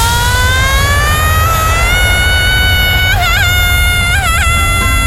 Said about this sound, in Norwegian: Tusenfryd presenterer Dagens Skrik.